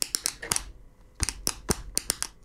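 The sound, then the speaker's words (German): A series of sharp, dry taps from a pen striking a tabletop, fairly loud, in an uneven rhythm with a short pause partway through. No one speaks. “Beim nächsten Song könnte ich mir vorstellen, der Komponist, der hatte einfach nur auch einen Tisch und einen Stift und hat...”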